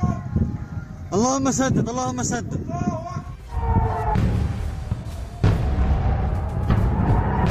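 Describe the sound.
Several heavy, rumbling explosions from US airstrikes on the Bandar Abbas and Sirik area of Iran boom one after another, with a low roar carrying between them, while voices shout and wail over the blasts.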